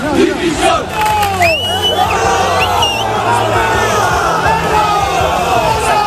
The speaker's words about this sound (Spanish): Y no es lo más grave que le gritaron a los jugadores del Valencia, que hubo insultos gravísimos contra los futbolistas y contra Corberán.